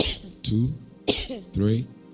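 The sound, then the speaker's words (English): Four sharp coughs made on request in a steady rhythm, each a harsh burst trailing off into a short voiced rasp, with brief pauses between them. “Just cough 5 times.”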